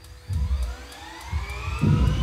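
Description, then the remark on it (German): A helicopter turbine engine driving a rocket turbopump during a test spins up with a high whine that climbs steadily in pitch over a heavy, pulsing low rumble, growing louder toward the end; no one speaks. “Beim Test wird die Turbopumpe von einem Hubschraubermotor angetrieben.”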